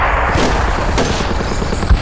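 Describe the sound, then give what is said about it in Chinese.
A sustained crackle of gunfire, with many shots blurring into a dense, continuous rumble of battle noise, steady and fairly loud throughout, with no voices. “听枪声，看来子明已经成功的把日本人吸引到他周围了，小林武艺彻底上当了。”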